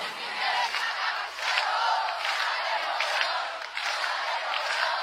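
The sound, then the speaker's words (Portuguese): A large live concert crowd roars and cheers continuously, a dense wash of many voices with bursts of clapping along, sustained and loud throughout. “Deixa eu ouvir o coral mais bonito do Brasil. E não tá demorando. Vai nas palmas, vai nas palmas.”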